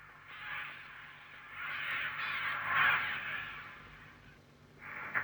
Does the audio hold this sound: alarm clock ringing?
no